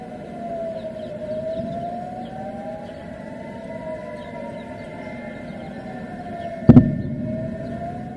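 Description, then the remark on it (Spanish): A civil defense air raid siren wails continuously in the city of Jerusalem, its tone slowly rising and falling over a low rumble, with a brief loud thump near the end. “Las sirenas también resonaron en la ciudad de Jerusalén.”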